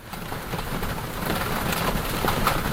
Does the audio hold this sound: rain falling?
yes